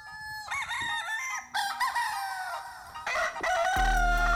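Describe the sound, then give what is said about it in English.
A rooster crows loudly in one long, drawn-out cock-a-doodle-doo, its harsh, wavering call rising and falling, with a rough, distorted burst near the end. “All right, once the chicken's up, I mean, we finally up.”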